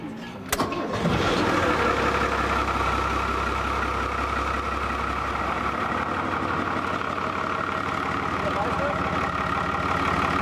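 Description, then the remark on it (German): A boat engine with seawater cooling cranks and catches within the first second, then settles into a loud, steady running rumble with the cooling water flowing, continuing unchanged to the end. “Ja, das Wasser kommt, Motor läuft.”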